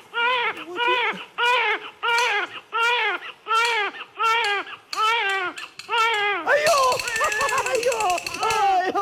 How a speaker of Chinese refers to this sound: 哪里是鬼呀？分明是婴儿啼哭。